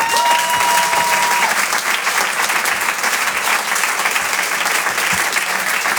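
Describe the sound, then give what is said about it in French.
Loud, sustained applause from the audience at the Rire et Chanson Comedy Club welcoming a comedian to the stage, a dense steady crackle of many hands clapping throughout, with a brief high tone near the start. “Je vous demande d'applaudir très très fort, s'il vous plaît,”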